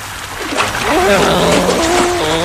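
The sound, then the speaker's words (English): A loud splash as someone jumps into water to get a closer look at speedboats, followed by steady churning and sloshing, with voices calling out over the noise. “Yeah, let's jump in the water and get a closer look at them.”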